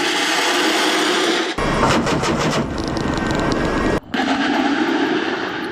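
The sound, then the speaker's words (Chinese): Loud rushing roar of rockets and missiles whooshing away from a helicopter during live-fire training at sea, aimed at floating targets, with a dense burst of rapid crackling blasts in the middle over steady engine noise. “掌机率先建立攻击航线，火箭炮与导弹呼啸而出。”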